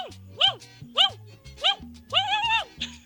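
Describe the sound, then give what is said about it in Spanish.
A person from Guanare, Portuguesa State, imitates a dog barking with three short, sharp woofs and then a longer drawn-out bark, loud, over a low steady background hum. “soy de Guanare, Estado Portuguesa, y vengo a imitar un perro ladrando.”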